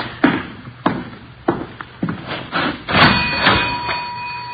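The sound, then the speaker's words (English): A cash register drawer is opened and coins are handled, a dime put in and two nickels taken out as change for a payphone: a run of sharp mechanical clacks and taps, then bright metallic clinks with a brief ringing tone. No one speaks. “Put in a dime, taking out two nickels.”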